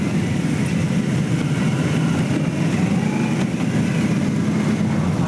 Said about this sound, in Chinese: 上午9时许，7一勋章获得者集体乘坐礼宾车从驻地出发，由礼宾摩托车队护卫前往人民大会堂。